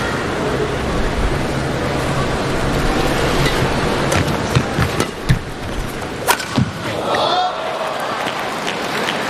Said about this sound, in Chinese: 非常的有力量，你听他击球的声音啊，你就是能够感觉到这是一个非常的有力量有速度的这个进攻，但是呢球偏差的还是比较多的。